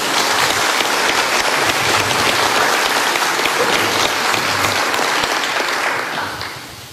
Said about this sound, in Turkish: Özellikle çok kuvvetli bir alkışı da tekrar onlar için size gösteriyorum değerli arkadaşlar.